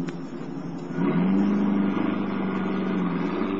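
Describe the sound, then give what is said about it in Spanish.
A car engine roars to life after a brief quiet moment, revving up sharply and holding a loud, steady drone as the driver pulls away as fast as allowed. “Hato da la media vuelta y corre hacia el coche. Se pone al volante y se aleja a cuanta velocidad le es permitido.”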